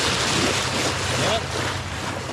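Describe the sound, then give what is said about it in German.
Ambience at a sailing harbor in Naples, Italy: a steady wash of wind and lapping waves with a low rumbling hum underneath, continuous and fairly loud, with faint indistinct voices in the background. “Am Segelhafen wartet bereits”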